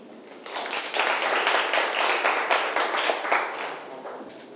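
students applauding

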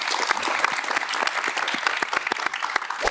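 audience applause

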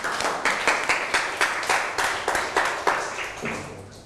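students clapping

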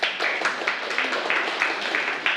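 students clapping

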